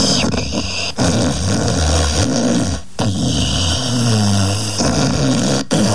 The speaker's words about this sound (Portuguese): Ó, a Ana mandou até um áudio dele roncando aqui, ó. Meu Deus do céu.